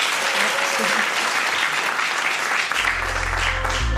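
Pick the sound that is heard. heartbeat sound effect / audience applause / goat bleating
audience applause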